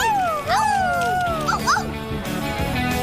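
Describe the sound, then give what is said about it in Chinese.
Dogs of the PAW Patrol yip and bark in a few short, pitched cries that rise and fall, with a sliding whine in between, all over a steady musical backing. “来吧，狗狗们，杰克需要我们。”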